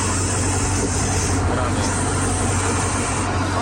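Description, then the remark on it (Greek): A person imitates a snake with one long, steady, loud hiss lasting several seconds, with a faint low rumble underneath. “Ωραίο και έτσι κάνει το φίδι.”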